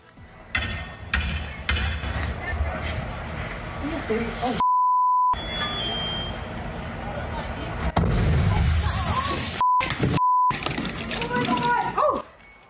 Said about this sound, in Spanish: explosión sorprende a bomberos durante una inspección.